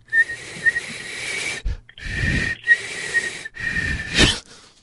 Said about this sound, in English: Like I said, whistle a little bit louder. Let me fucking hear you.